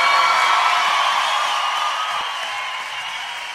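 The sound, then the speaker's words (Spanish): A crowd applauds loudly and steadily for a man, a dense wash of clapping mixed with scattered whoops and cheers that eases off slightly toward the end. “Si ese aplauso para él, tiene que dárselo mucho más fuerte.”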